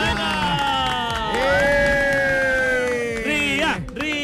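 A crowd cheers loudly, with long rising whoops and shouted calls held over a steady roar of clapping and voices that keeps up for the full few seconds.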